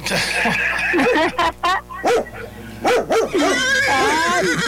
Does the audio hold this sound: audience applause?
no